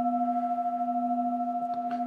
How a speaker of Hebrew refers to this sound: אפשר ככה להקשיב להתחלה ולסוף של הצלילים, מה שמיוחד בקערות טיבטיות שיש להם דיקי, יש הצליל שלהם הולך ויש לו צליל מאוד מאוד ארוך, תעודה ארוכה. אפשר להקשיב להתחלה ולסוף.